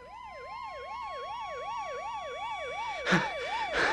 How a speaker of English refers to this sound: Did you hear that ambulance just now? Yeah, I think so.